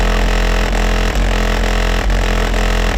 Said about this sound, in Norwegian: Dette basskassa I bilen, mens for andre som bor I nabolaget som rånerne eventuelt kjører igjennom, så det jo da en plage. Om noen minutter skal vi møte han som eier denne basskassa.